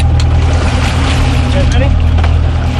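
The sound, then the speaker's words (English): A steady, loud low rumble of a boat engine on a boat off the coast of Miami carrying shark researchers, with wind and water noise and faint, indistinct voices of the researchers talking in the background. “You're listening to a group of shark researchers on a boat off the coast of Miami.”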